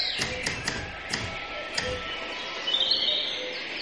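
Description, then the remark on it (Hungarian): Songbirds chirp and twitter in a garden, high bright calls layered over a steady outdoor hiss, with several sharp tapping clicks near the start and no voices. “Kertben. Énekes madarak hangja szól.”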